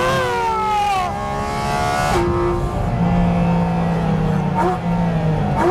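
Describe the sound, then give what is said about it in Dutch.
A 718 Cayman GT4 RS sports car engine revs hard and accelerates on a public road at the Maasvlakte, its loud roar climbing in pitch and dropping sharply at a couple of gear shifts before surging again, with no talking. “Ik denk dat mijn ouders inmiddels ook wel wakker zijn van dit geluid.”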